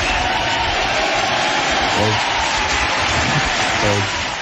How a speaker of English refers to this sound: Wait, I have applause. Hold on, we got to get the full 5 seconds of it though.